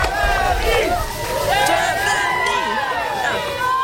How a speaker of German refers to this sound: Ja, gestern Abend geschehen in Winston, North Carolina. Da haben Fans das DFB-Team empfangen. Deutschland fahren Pompons in Schwarz, Rot, Gold. Sie jubeln den Spielern zu.